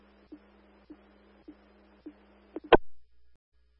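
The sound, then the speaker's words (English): A steady low electronic fire dispatch alert tone for multiple calls hums over a radio channel, broken by soft regular clicks about every half second, then cut off by a sharp, loud squelch burst. No one speaks. “3-3, we'll hit some tones again.”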